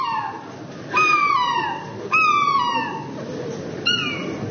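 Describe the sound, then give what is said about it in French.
A person imitates a happy seagull, letting out four loud falling squawks spaced about a second apart, each sliding downward in pitch, with no other talking. “C'est goéland heureux, ça.”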